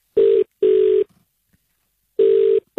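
A telephone ringback tone on an outgoing call to colleagues: two steady mid-pitched buzzing rings close together, a pause, then another ring begins, alone with no voices.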